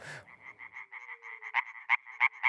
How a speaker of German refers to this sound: Mithilfe dieser Schallblase kann ein einzelner europäischer Laubfrosch bis zu 90 Dezibel erreichen, lauter als ein Staubsauger.